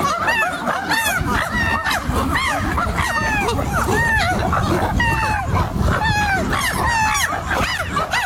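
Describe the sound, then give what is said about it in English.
A group of chimpanzees hoots and shrieks excitedly just before eating, many overlapping rising calls packed densely together, loud and continuous, with no pauses for the whole stretch. “Actually, that was chimpanzees just before they eat.”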